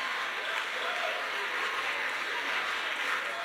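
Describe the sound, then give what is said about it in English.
A crowd claps steadily, a dense wash of many hands spread evenly across the whole stretch, fairly loud and sustained, with no single claps standing out and no clear voices. “Now, if you're not clapping, you might be millennial-minded.”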